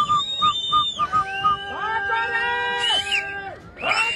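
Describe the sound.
A person whistles a run of short, clipped notes, then holds longer steady tones, with people talking and cheering loudly around the whistling.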